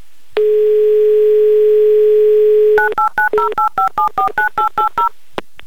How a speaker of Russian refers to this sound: Так, номер набрали. Будем пробовать связаться с Челябинском. Класс, гудки есть. Засекаем 30 секунд. Ровно столько у нас есть, чтобы дождаться ответа.